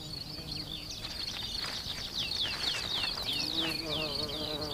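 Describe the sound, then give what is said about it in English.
A mason bee buzzes with a low, steady droning hum that grows clearer toward the end, while rapid high-pitched bird chirps repeat over a soft outdoor hiss. No one speaks. “And for this mason bee, that could spell trouble.”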